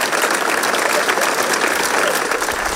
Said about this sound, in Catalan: i demane un fort aplaudiment per a tots ells, perquè són veïns nostres.